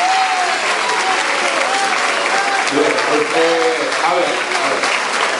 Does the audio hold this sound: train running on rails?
no